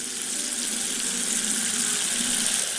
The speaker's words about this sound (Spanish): Pero el agua suena en más lugares de la catedral. Es curioso cómo se puede observar en la sacristía una fuente con dos caños.